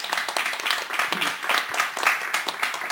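A group breaks into applause for Community Space at Community Radio Bochum, a dense, steady patter of many hands clapping that holds at an even, fairly loud level for about three seconds.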